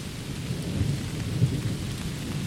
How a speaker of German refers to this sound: Unter unseren Füßen knackt Holz, rascheln Blätter, hier und da ist ein Vogel zu hören. Hoch oben in den Bäumen prasselt der Regen auf die Blätter und kommt bei uns hier unten erst nach und nach an.